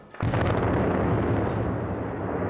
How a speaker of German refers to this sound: Heute bei der dritten Sprengung waren das Kesselhaus und zwei Nebengebäude an der Reihe.